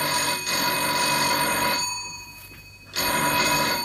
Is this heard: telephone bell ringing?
yes